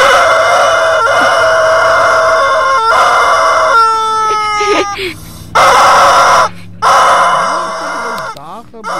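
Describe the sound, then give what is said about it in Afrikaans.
A chicken gives strained, halting clucks and drawn-out squawks, fairly loud, with short breaks between calls and some background noise. “Is een hoender wat sikkel om te kekkel.”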